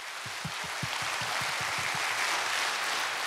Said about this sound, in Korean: 멋진 무대 꾸며주신 여러분께 다시 한번 뜨거운 박수 부탁드립니다.